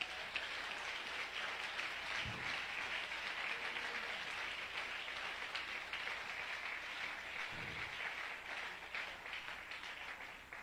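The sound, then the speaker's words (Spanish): An audience applauds the Lord, a dense wash of many hands clapping at a constant level for about ten seconds, with no voices standing out. “Aplauda al Señor.”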